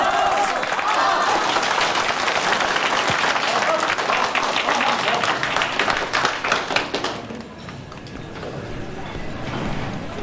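An audience breaks into steady, dense applause, many hands clapping loudly together for about seven seconds before it thins out and fades to a quiet hum.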